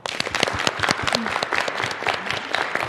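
A room full of people claps steadily, a dense patter of many hands sustained evenly at close range throughout, with no speech over it.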